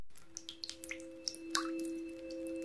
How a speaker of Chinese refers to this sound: 一直在滴答的水龙头